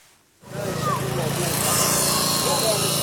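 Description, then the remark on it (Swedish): After a brief moment of quiet, a power saw starts up loud, grinding steadily through iron bars and rebar with a harsh, continuous metallic whine that keeps going without pause, as rescue workers in Gaza cut through bombed, collapsed concrete buildings searching for remains. “Nu står han inte räddningsarbetare som sågar sig genom järnstänger och armeringsjärn.”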